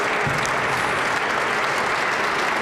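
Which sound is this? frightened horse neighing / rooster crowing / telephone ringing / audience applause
audience applause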